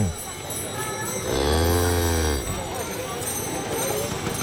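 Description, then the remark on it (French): A cow roaming freely in the streets in India gives a single long, deep moo that rises and falls over about a second, standing out clearly against a steady background of outdoor noise. “Les vaches se baladent librement dans les rues.”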